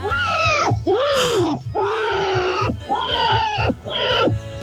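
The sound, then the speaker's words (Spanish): A person's voice imitates a pig squealing as it's slaughtered: four loud, strained, high-pitched shrieks in quick succession, each wavering and harsh, with brief breaths between them and no talking. “Yo tengo una habilidad impresionante. Escucha el chancho cuando lo matan.”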